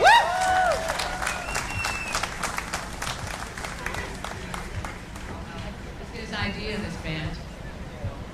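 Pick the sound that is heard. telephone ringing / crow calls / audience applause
audience applause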